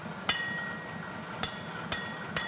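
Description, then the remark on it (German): Four sharp metallic blows of a smaller hammer ring out on iron being forged, at an uneven, slowing pace, each strike bright and clanging with a lingering ring, over a low background hum. “Kann ich den kleineren Hammer haben?”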